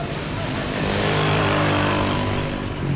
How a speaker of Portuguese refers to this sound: Petare fica para trás. Regresso a Caracas. É fim de tarde e há muito trânsito.